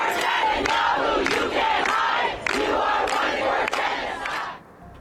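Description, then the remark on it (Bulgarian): A large protest crowd in front of the UN headquarters, protesting against Israeli actions, chants loudly in unison, voices rising in regular rhythmic bursts about once a second over a constant roar of shouting, before fading off at the very end. “Успоредно с това пред централата на ООН се проведоха протести срещу израелските действия.”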